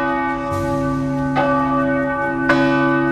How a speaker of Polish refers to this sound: bo dzwony odzywają się tylko 2 razy dziennie, w samo południe oraz po 16:00 i ich zdaniem uciążliwe nie są. Jestem przeciwny temu, żeby zabronić dzwonienia dzwonem.